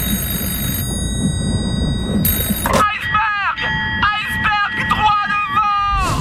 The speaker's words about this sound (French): Quand les gars dans le nid de pie voient l'iceberg, il est complètement trop tard. Mais ça les empêche pas de lancer l'alerte en sonnant la cloche et en criant dans un téléphone steampunk.